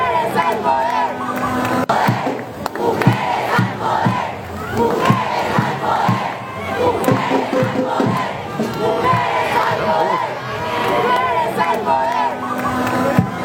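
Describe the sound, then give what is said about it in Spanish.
A large crowd at a rally shouts and chants "mujeres" together in a loud, continuous roar, voices overlapping in rhythmic bursts of collective yelling that swell and hold for the whole stretch. “Sí, era una cosa impresionante cuando se gritó mujeres, llamó pirimba, porque en el balcón estábamos todas mujeres.”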